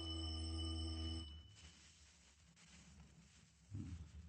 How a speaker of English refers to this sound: Go on, ring the bell.